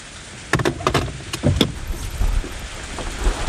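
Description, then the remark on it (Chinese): Rain falls in a steady, even hiss, with a handful of sharp clicks and knocks breaking through in the first second or two. No one speaks. “这下着雨，我车从这儿过，他在旁边站着，雨见着很正常呀。”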